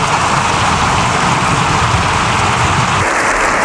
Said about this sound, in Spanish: Lo que escuchas, Jorge, es el aplauso prácticamente unánime de un Congreso de los Diputados habitualmente instalado en la polarización buscada.